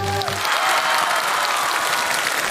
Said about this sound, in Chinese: 好了，那朋友们，如果您觉着咱们这个唱联能顺利完成，给他来点掌声好不好？